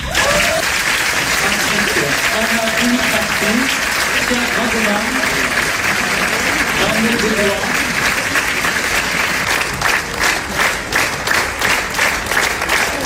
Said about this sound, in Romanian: Jurnalul unei cameriste a fost aplaudat minute în șir la Cannes. Filmul a fost proiectat în premieră mondială în secțiunea Quinzaine de Cineast